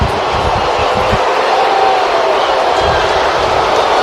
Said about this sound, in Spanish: After review, the call on the field is overturned. It is a foul ball. Una afición abuchea, otra aplaude.